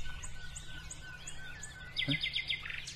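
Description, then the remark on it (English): Garden warbler and willow warbler song at dawn as the sun begins to rise: a run of quick, high chirps at a steady pace, then a brighter, rapid trilling phrase from another bird, over a low outdoor rumble and faint birdsong. “Another garden warbler there? And a willow warbler there?”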